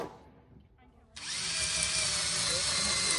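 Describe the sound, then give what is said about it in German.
After a second of quiet murmur, a power drill held by two people starts up and runs steadily, a loud whirring grind of screws being driven into wooden beams while building a roof at a solar installation training camp. “halten den Bohrer fest in der Hand. Rechts und links werden die Holzbalken von den anderen festgehalten. Mit jeder Schraube steht das Dach etwas stabiler.”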